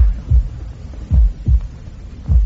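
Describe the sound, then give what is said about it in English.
Muffled, deep heartbeat thuds heard through a stethoscope, several low thumps in a slow, slightly uneven rhythm over a faint hum, with no talking. “It's your heartbeats are vibrating against the casing.”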